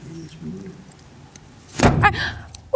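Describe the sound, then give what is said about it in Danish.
A crisp metallic snip of small scissors trimming the hair of the pet Pluto, one main cut with a few faint clicks and light rustling around it, otherwise quiet. “Jeg har en lille saks her.”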